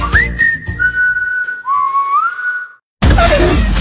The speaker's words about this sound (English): That sound? That's your wipers telling you it's time for a change.